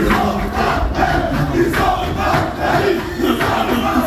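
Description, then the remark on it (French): Le Havre players cheer and chant in their locker room after the match, celebrating staying in Ligue 1, heard through the doors: a loud, continuous wall of overlapping shouts with rhythmic surges roughly every second, no single voice standing out. “La joie des Havrais dans le vestiaire après le match s'est fait entendre à travers les portes.”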